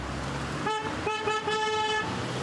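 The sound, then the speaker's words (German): Car horns blare in a couple of loud, overlapping honks, one short blast followed by a longer sustained toot, over steady street and traffic noise, from a parade of 60 colourfully decorated cars driving through Wermelskirchen to thank care workers. “Auch Petra Trümtrop wurde vom Hupen aufgeschreckt.”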